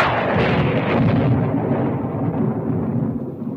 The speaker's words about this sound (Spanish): No te asustan los truenos, ¿verdad que no?